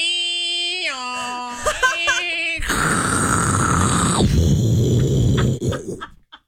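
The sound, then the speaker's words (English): A voice imitates a dial-up modem connecting: stepped, warbling tones and beeps give way to a loud, sustained screechy hiss, then a few sputtering bursts as it fades out. “Do old dial up.”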